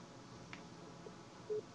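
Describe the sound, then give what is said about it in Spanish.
A single short electronic beep, a steady mid-pitched tone lasting a fraction of a second, sounds over a low background hiss on a phone line, signalling that a guest is on the line. No one speaks. “Porque se oye un bip ahí atrás.”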